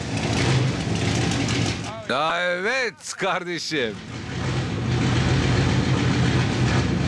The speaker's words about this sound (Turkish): Bu gerçekten soğuk ve büyük bir blok motoru. Şu anda gaz vermemi pek sevmedi. Çalışmaya başlamakta zorlanıyor.